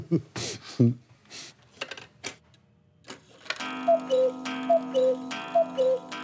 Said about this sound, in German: So kennt man sie, die Kuckucksuhr aus dem Schwarzwald.